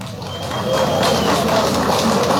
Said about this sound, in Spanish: Muy bien, fuertes los aplausos para la representación de la carrera de Ingeniería en Acuicultura Comunitaria y Gestión de Aguas.